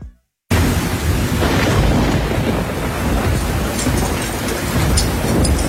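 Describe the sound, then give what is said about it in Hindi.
Steady, heavy rain pours down continuously, a loud dense wash of noise with a low rumbling undertone like thunder, and no one speaks. “hi guys, वो बहुत बारिश हो रही है”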